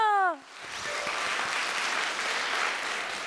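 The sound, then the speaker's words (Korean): A crowd breaks into steady applause for the young members of the Haneulbit gayageum byeongchang troupe after their performance, many hands clapping in a dense, sustained wash after a brief voice at the start. “수고 많으셨습니다. 큰 박수 부탁드립니다.”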